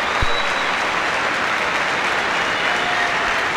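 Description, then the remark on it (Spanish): A stadium crowd gives a sustained ovation to several Burkina Faso players as they raise their arms, dense steady applause and cheering that roars evenly throughout without any break or talking. “como por ejemplo Caboré, como por ejemplo Giga, varios jugadores de Burkina Faso que ahora levantan los brazos y reciben esta ovación, mirá.”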